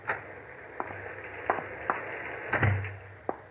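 A door is opened against the steady rush of a storm, with several sharp latch clicks and a low creaking thud midway, no voices.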